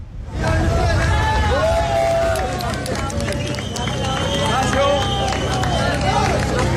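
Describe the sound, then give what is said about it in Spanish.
A large crowd cheers and claps loudly and continuously, with whistles and shouting voices rising over a dense wash of applause, an ovation for the rescue teams in La Guaira after a trapped person was finally pulled out nearly 8 days after a catastrophe. “Aplausos, ovación a todos los equipos que han seguido muy de cerca la situación”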